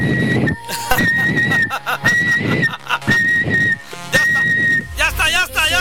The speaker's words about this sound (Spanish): Venga, va. Este es mi silbido.